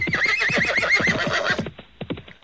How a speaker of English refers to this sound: And all the bandits, just as furiously as they came, thundered off on their horses.